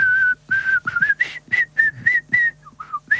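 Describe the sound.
A person whistles a bouncy, stepwise tune from the movies close to the microphone, clear bright notes in short phrases separated by breaths, with no talking.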